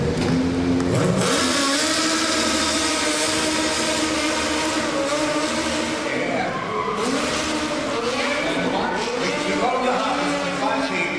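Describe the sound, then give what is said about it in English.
A stunt car engine revs loudly and steadily, its pitch rising and falling as the vehicle drives by, with some indistinct voices underneath the continuous roar. “To the seat so we can drive these cars.”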